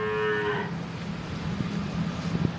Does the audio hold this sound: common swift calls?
no